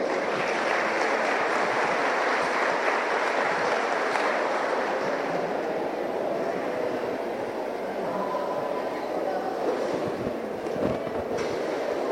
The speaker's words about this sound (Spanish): La Escuela Básica número 4661, Don Basilio Mancuello, también se adhiere a este acto con una danza folclórica. Recibimos a la niña con fuertes aplausos.